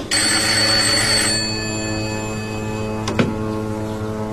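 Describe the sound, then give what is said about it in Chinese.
An old-style telephone bell rings loudly in one long burst, then its metallic tone lingers and fades over a steady hum, with a sharp click near the end. “接电话。”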